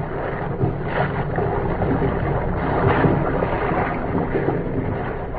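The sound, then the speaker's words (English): Steady wind roars across the open, darkened deck of an incoming ocean liner some 300 miles at sea, with a low rumbling wash of sea beneath it, continuous and fairly loud with gentle swells in intensity and no voices. “If K7 and B9 could have known what was happening on the darkened deck of the incoming liner, some 300 miles at sea, their problem would have been answered.”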